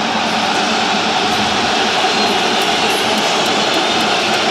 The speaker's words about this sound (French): Et on entend quand même les sifflets des supporters d'Arsenal. Ils sont moins organisés sur les champs, mais ils sont là quand même, les supporters d'Arsenal.